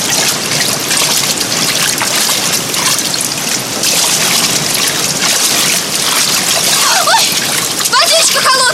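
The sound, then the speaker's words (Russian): Steady, churning splashes of a sergeant wading through water while carrying a girl across, continuous for the whole stretch, with a brief voice-like sound rising near the end. “Старшина переносит одну девушку через воду.”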